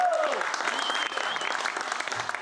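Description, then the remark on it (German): Audience applause for the first guest being welcomed: a steady, dense patter of many hands clapping at an even level throughout, with a brief tonal sweep at the very start. “Der erste Applaus.”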